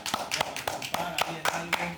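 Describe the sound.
Steady, rhythmic hand claps, about four per second, ring out over two seconds of applause, with a faint voice murmuring underneath.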